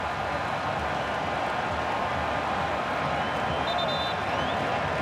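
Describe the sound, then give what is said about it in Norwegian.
A large football stadium crowd murmurs and roars steadily, a dense, continuous wash of many voices with scattered premature cheering rising from the mass as a powerful shot from the edge of the penalty area flies just past the post, loud and unbroken for the whole stretch. “Jeg hadde ikke sus gjennom publikum, og flere er i ferd med, eller i gang med å... Feire allerede.”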